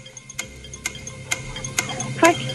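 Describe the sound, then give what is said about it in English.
A quiz game's 40-second countdown clock ticks steadily, with sharp, evenly spaced clicks roughly every half second. The ticks are clear over a faint low background hum, with one slightly louder tick near the end. “40 seconds on the clock, so you remember it.”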